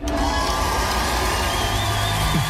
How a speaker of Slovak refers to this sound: Tento potlesk patrí podľa vás ktorému interpretovi alebo interpretke pomôcka vystupuje alebo ju u nás na Livestreame v tomto ročníku.